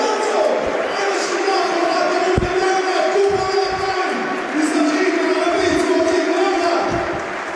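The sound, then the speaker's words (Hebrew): A football stadium crowd roars and applauds steadily for Amir Ganah, who set up the first goal, as he is substituted off for Ahmed in Be'er Sheva's first substitution, a dense, continuous wash of noise with scattered sharp claps and no one speaking over it. “גנח יקבל כפיים, קבל כפיים.”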